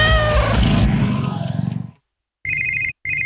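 A cat gives one long, drawn-out meow that fades away, followed after a short pause by two brief bursts of an electronic telephone ring.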